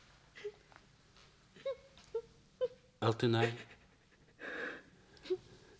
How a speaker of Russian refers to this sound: Перепугалась давеча, вот и плачет за печкой.